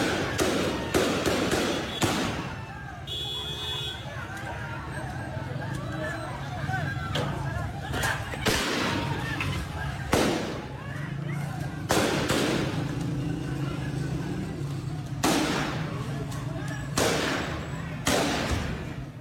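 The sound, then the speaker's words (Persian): Repeated sharp gunshots crack out at irregular intervals, some in quick bursts, loud, over a continuous murmur of crowd noise and shouting voices: Taliban agents firing to disperse protesters at a protest in the Jebrael area of Herat. “تصویری که دیدیم صدای شلیک گلوله های ماموران طالبان بود که داشتن معترضان را متفرق می ساختند.”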